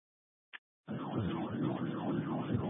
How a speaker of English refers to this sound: We've got somebody saying that there's an officer with sirens but no lights.